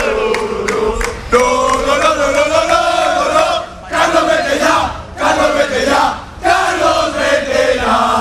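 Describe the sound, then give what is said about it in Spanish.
A large crowd of Valencia football fans chants loudly in unison against Valencia coach Carlos Corberán after a defeat, sustained shouted phrases rising and falling with brief dips between them, a few sharp claps or thumps at the start. “Hemos escuchado en el arranque del partidazo a Corberán y la situación tan delicada que vive el Valencia, que se ve también un poco reflejada en los aficionados que ahora vuelven a gritar.”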